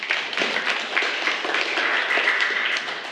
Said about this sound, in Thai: ค่ะปรบมือให้กับเพื่อนด้วยค่ะ